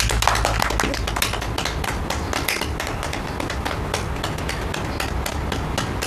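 Applause at the opening of the founding meeting of a peace preservation committee: a crowd claps steadily and fairly loudly for about six seconds, a dense patter of many hands with no talking over it.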